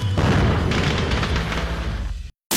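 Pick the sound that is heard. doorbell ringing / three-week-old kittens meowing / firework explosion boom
firework explosion boom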